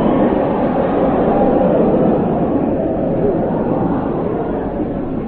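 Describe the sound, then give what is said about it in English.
A steam train at Edinburgh Station releases a loud, steady rush of hissing steam that roars on unbroken for several seconds, with no voices over it. “There should be a law against trains letting off steam when people are wearing kilts.”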